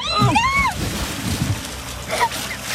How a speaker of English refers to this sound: And so they decided to stand in a canoe for that special moment. Yes, that's right. The special moment went horrifically wrong when the canoe tipped, sending both the bride and the groom flying into the river. Don't lean! Don't lean!